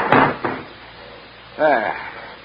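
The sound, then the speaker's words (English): A sliding compartment door on a train in France bangs shut, a heavy thud followed quickly by a second clunk as it settles, then a brief murmur of voice. “I'll just sling it up on the rack. There we go. And shut the door.”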